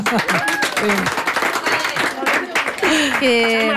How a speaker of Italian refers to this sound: Allora sì, abbiamo la terza A di Gordola, scuole medie di Gordola. Facciamo sentire un applauso alla terza A di Gordola. Evviva.